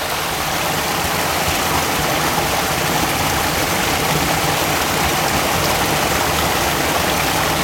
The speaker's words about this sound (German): Hier bemerken Sie vielleicht, dass der Bach sich anders anhört.